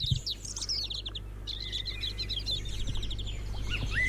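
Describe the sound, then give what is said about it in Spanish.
A busy chorus of songbirds, blackbirds, canaries, goldfinches, chaffinches and greenfinches, trilling and chirping without pause over a steady low hum, in the Urdaibai reserve in the Basque Country. “Están escuchando ahora mismo mirlos, canarios, jilgueros, pinzones, verderones.”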